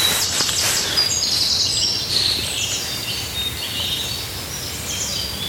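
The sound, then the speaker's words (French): Great tit and chaffinch songs ring out together outdoors, bright repeated phrases and trills overlapping over a steady low background hiss. “Alors ça, c'est la maison charbonnière, on la voit bien. Et puis, il y a le pinson qui est là.”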